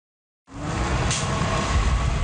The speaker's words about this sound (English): One of the last 10 double-decker buses in Ottawa pulls into Tunney's Pasture Station. OC Transpo has recently retired 67 of them, saying they're simply too expensive to maintain.